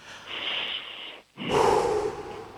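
A deep, audible breath drawn in sharply after a count of three, then a brief pause and a long, full exhale, clear with no talking.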